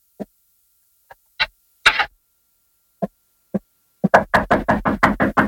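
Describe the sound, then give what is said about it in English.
Footsteps approaching out in the hall, in the radio drama The Green Hornet: a few scattered, uneven thuds, then a quick, steady run of loud impacts at the end. No voices, just the steps against silence. “Boss, I hear footsteps. He's right, out in the hall.”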